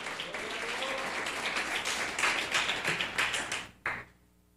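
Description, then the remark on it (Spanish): A crowd claps together in a steady burst of applause for the Lord one morning, lasting several seconds, dense and fairly loud, ending with a final surge before quickly fading out. “Denle un fuerte aplauso al Señor esta mañana.”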